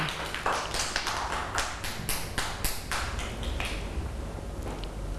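A group of children claps in a quick, uneven burst of overlapping hand claps, fairly close and moderately loud, fading after a few seconds with no talking.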